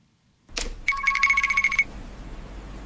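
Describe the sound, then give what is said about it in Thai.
A phone rings with a rapid, trilling electronic bell burst lasting about a second, clear, as an unknown number calls, preceded by a short click and followed by faint background hiss. No one speaks. “ฮะเบอร์แปลกโทรมาอีกแล้ว”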